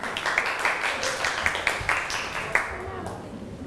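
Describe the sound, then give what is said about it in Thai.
A group claps together to encourage the second group presenting on nonmetals, in a steady patter of overlapping handclaps that tapers off toward the end, with a few sharper claps standing out. “ขอเชิญกลุ่มอะโลหะได้เลยครับปรบมือให้กำลังใจกลุ่มที่2ก่อนครับ”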